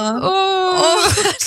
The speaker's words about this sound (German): Jetzt muss ich weinen, scheiße. Oh. Entschuldigung.